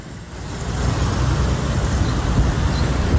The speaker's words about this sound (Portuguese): Carro passando, é moto passando. Esse local é tão movimentado.